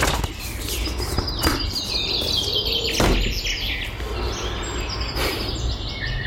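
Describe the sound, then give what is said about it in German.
Birds call in a busy, overlapping chatter with chirps and short whistles in a park, while repeated wing flaps burst through. A steady low rumble of outdoor background noise runs underneath. “Keine Ahnung, was das für Vögel sind.”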